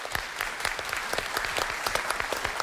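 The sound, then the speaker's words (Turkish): An audience clapping steadily, a dense, sustained burst of applause with many overlapping hand claps, loud, with no talking over it, giving a contestant another big round of applause after their performance. “tekrar büyük bir alkış.”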